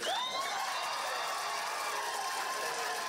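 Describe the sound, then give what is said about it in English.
A room full of people cheers and applauds in a dense, continuous roar as the Russell County Board of Supervisors in Virginia votes unanimously to halt landfill negotiations, with a sharp whistle or whoop rising out of the noise at the very start. “Moss 3, which led the movement against the landfill, achieved victory when the Russell County Board of Supervisors voted unanimously to halt landfill negotiations to a room full of cheers and applause.”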